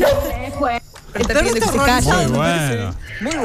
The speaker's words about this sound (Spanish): El perro también, el perro se sumó.